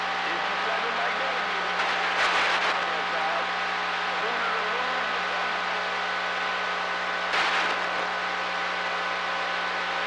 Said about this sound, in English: I can hear your big truck. Yeah, I got a good receiver, man.